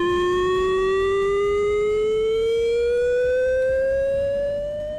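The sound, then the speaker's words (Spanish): A loud chemical emergency warning siren, sounded in a test drill in Lantarón, Basque Country, wails continuously, its single droning tone slowly rising in pitch over several seconds against a rumbling background, with no voices present. “Y hace apenas una hora que los vecinos de Lantarón y alrededores escuchaban esta sirena.”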